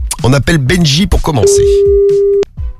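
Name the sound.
telephone ringing tone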